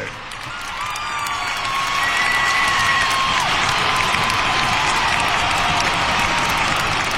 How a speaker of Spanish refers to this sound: Señoras y señores, recibamos con un fuerte aplauso a ….